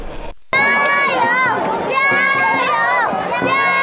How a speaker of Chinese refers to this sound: 水面上龙舟劈波斩浪，河岸旁观众声浪如潮，岭南龙舟队划出经典漂移弧线，诗云会剑儿奋力划桨，水花飞溅，整条大运河化作激情四射的竞技舞台。